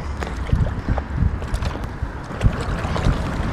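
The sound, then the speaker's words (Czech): Wind blows across the Vltava river during paddleboarding, a steady low rumble buffeting the microphone, with small splashes and water sloshing. No one speaks. “No, když fouká, tak je to docela...”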